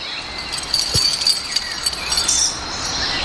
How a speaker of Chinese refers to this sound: 听他踢他就会响吗？就像牛铃铛一样。我们说，哎，怎么会有这个牛铃铛响呢？